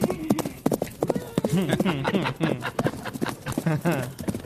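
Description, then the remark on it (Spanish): Horse hooves clip-clop in a steady, fairly quick rhythm, distinct, while people talk over the hoofbeats throughout. “Suenan los caballos.”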